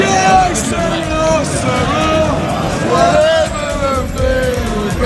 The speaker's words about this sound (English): The atmosphere here is electric. People are cheering and celebrating as Southampton have just secured their place at Wembley. With a 2-1 win over Middlesbrough, it's safe to say fans here are pretty excited.